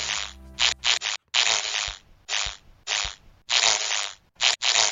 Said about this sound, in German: Der Marienkäfer. Das ist der Marienkäfer.